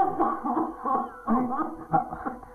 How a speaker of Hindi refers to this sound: आपको तो बहुत तेज खांसी हो रही है।